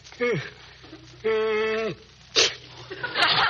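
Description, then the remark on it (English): A person sneezes loudly: two drawn-out, falling vocal gasps build up before a sharp, breathy burst, followed by a softer noisy exhale. “Oh, George, you sneezed.”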